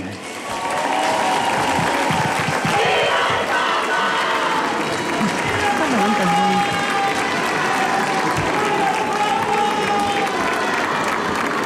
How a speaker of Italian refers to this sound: E abbiamo ascoltato l'Angelus da Castel Gandolfo, l'Angelus di Papa Leone. Ancora una volta il grido della folla: viva il Papa!